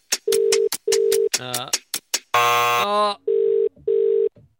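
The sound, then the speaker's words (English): A telephone ringback tone purrs in steady double pulses, loud, while a brief burst of harsh electronic noise cuts in between the rings; a call placed to a woman in Oakhurst, Western Sydney, goes unanswered. “Let's give her a call. Lorraine, come on. Pick up the phone.”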